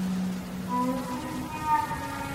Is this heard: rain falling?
yes